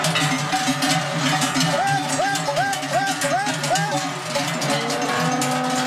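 A herd of cows is driven down from an alpine pasture in the Domleschg, Switzerland, to the valley, many cowbells clanking and ringing continuously in an overlapping, uneven jangle, with a low background murmur.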